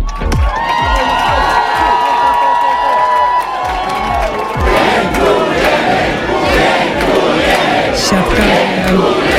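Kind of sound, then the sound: crowd, crowd of fans cheering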